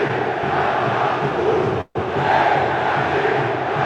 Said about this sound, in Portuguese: Ei, Jardim, é o grito da galera do Cruzeiro a plenos pulmões. Galera do Cruzeiro destilando a raiva de novo